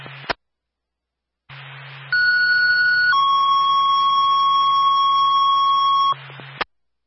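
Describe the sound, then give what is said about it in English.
A loud electronic fire alarm tone from Ladder 2 over radio static: a higher steady pitch for about a second, then a lower sustained pitch for several seconds, with squelch clicks before and after and no talking. “fire alarm from ladder 2.”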